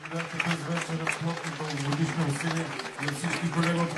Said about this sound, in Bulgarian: Чувате финалните ръкопляскания на концерта, който предадахме директно от Дома на културата НХК в Бургас.